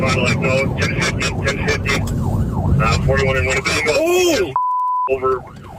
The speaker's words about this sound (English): Hey, look, if you watch this rebroadcast live, we got a Wisconsin police chase where a car took flight. Y'all want to watch this footage if y'all watching this rebroadcast live. Let's listen.